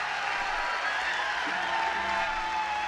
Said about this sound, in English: Woo, everyone on their feet and cheering, wanting more from the